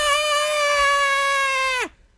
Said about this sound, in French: Mais un lynx qui crie, là, c'est spécial parce que t'as l'impression que c'est comme un humain qui gueule. Comme un humain en détresse. Ça sonne vraiment comme... Ouais.